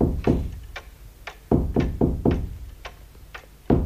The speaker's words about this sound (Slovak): Čo to je? A dedo niečo chce a búcha palicou na stenu.